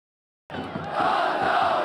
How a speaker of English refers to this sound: The sound of football fans cheering is universal. Here in Aleppo, it's a sound that was silenced by fear. But this game was attended by at least 4,000 fans, a testament to a changing demographic landscape.